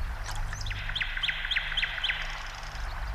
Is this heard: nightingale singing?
yes